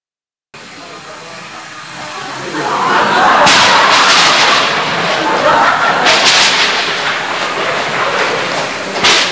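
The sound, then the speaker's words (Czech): A thunderstorm builds from a steady hiss into loud rolling thunder, with sharp cracking claps breaking through about three times over a continuous low rumble. “Zatrolené počasí. Nebýt té bouřky, už bych tam byl.”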